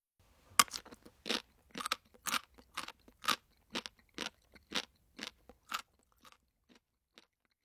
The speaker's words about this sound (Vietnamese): Từ để diễn tả âm thanh vừa rồi là từ bori bori, tức là âm thanh khi nhai một thứ gì đó cứng. Chúng ta có thể nói bori bori to senbei o kajitte imasu. Câu vừa rồi có thể hiểu là tôi đang nhai bánh gạo rôm rốp.